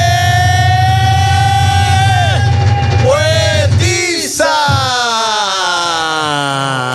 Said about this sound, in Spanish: Un aplauso para él.